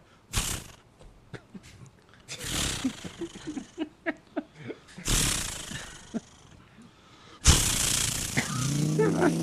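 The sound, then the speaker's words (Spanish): A voice mimics a chainsaw: several harsh pull-start bursts with sputtering pops in between, then the imitated engine catches and keeps running loudly to the end. “¿Cómo es que hace la sierra, don …? ¿Una sierra? No sé, primero hay que prender... No, es una motosierra.”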